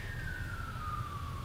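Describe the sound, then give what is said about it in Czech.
A siren wail sweeps slowly downward in pitch in one long, steady tone over a constant low rumble, fairly faint, with no one speaking. It sounds like sirens sounding outside. “Houkačky venku houkají.”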